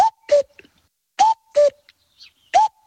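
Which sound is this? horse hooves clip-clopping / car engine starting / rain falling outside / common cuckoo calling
common cuckoo calling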